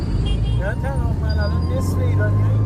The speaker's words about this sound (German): Ich schaue aus dem Fenster. Die Stadt lebt zu jeder Tageszeit. Motorräder drängen sich zwischen Autos hindurch. Irgendwo hupt immer jemand.